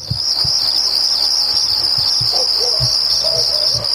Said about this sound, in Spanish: Tenemos los grillos, ¿no?